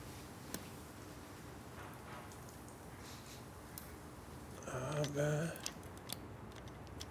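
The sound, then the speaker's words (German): Metallic clicking and scraping: a pick rattling across pin tumblers inside a lock, with a brief burst of faster, louder raking near the end over faint background noise, after which the lock opens. “Ah, das war's. Ja, offen. So, jetzt ziehe ich ihn mal runter.”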